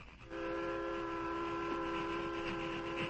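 A train labors up a slope toward the crest of Jackknife Hill, its loud, steady rumble joined by a sustained whistle-like drone that swells in just after the start and holds unbroken to the end, with no voices.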